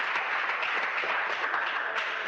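A crowd applauds steadily in honour of the Lord in the afternoon, many hands clapping in a dense, continuous wash that holds at an even, fairly loud level throughout, with no voices standing out.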